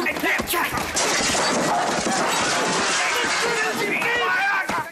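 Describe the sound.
A chaotic street fight behind a small newspaper kiosk: overlapping shouting voices and scuffling, with sharp thuds and smacks breaking through a loud, continuous wash of noise.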